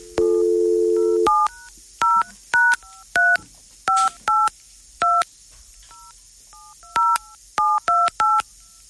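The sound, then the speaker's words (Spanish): A steady dial tone cuts off, followed by a quick series of touch-tone keypad beeps as a telephone call is dialed, about a dozen short dual-pitched tones in irregular bursts, clear with no voices. “El teléfono no timbra. Es un teléfono raro. Es un tema de señal, posiblemente.”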